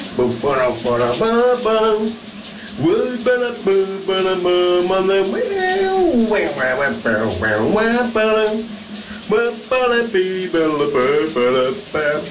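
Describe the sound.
A man sings a wavering, melodic tune over the steady, hissing rush of running shower water, his voice rising and falling in phrases while the spray continues unbroken underneath.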